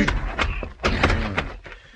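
A series of heavy, dull thuds, a man being hit with a club at the back door of the Four Aces Saloon, several blows in quick succession amid scuffling noise, with no one speaking.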